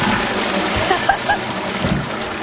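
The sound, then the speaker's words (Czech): A toilet flushing: a steady rush of gurgling, splashing water that fills the whole moment, with no voices over it. “V podstatě jsme spláchli pracovní týden.”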